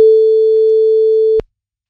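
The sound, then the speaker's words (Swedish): A single steady telephone ringback tone of an outgoing call from the radio show Guldmorgon on Guldkanalen, a pure mid-pitched hum holding for about a second and a half before cutting off abruptly with a click, then silence. “Och nu ska vi ringa till tjejen då som ska springa det här kundvagnsracet.”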